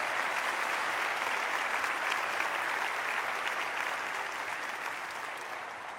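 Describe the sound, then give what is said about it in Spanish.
An audience claps steadily during a church sermon, applauding God as liberator: a dense, continuous wash of many hands that holds strong throughout and tapers off slightly toward the end, with no voices standing out. “Dale fuerte a tu libertador ese aplauso.”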